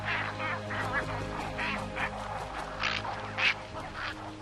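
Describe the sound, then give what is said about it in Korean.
A noisy cattle egret colony in riverside trees, shared with other birds: harsh, croaking calls overlap in an irregular stream over a steady low hum, with one sharper, louder squawk standing out near the end. “하지만 그중 가장 시끄러운 건 단연 황로들이죠.”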